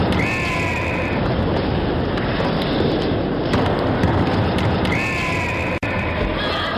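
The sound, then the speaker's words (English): Two sharp, shrill blasts of a Fox 40 referee whistle, each about a second long, one at the start and one near the end, rising over a constant loud crowd roar. “The Fox 40 whistle.”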